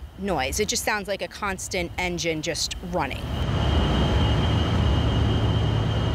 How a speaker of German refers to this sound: Und wenn es besonders heiß ist, springen Dieselgeneratoren an, zusätzlich, sagt die Mutter der Jungs. Der Lärm, Sie hören ihn, so ein heulendes, hohes Geräusch, wie ein Flugzeug, wie ein Motor, der immer läuft.